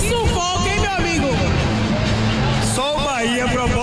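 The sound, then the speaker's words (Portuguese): Bahia football fans in a stadium celebrating a 1-0 win over Mirassol make a loud, unbroken roar of massed voices. Rising and falling shouts and chanting swell through the dense crowd noise for the whole stretch. “Consegue ouvir a galera”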